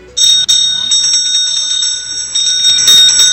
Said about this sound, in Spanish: Así sonaron las campanas en el Senado mexicano, donde inició la octava cumbre México-Unión Europea.